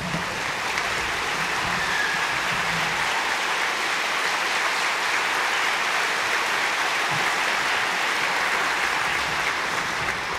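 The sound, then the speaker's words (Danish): Sustained applause from a large concert audience for the Danmarks Underholdningsorkester, a dense, steady wash of clapping that stays loud and even for the full ten seconds with no voices over it. “Og allerførst synes jeg, vi skal give et varmt bifald til det orkester, som igen i år har stablet det hele på benene.”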